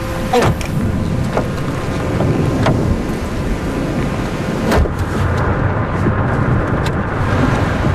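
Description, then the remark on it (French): A heavy thunderstorm surrounds a closed car on muddy tracks: a steady, loud roar of rain and wind with deep rumbling underneath and a few sharp cracks breaking through as lightning strikes. No one speaks. “Là, on est vraiment au cœur de l'orage.”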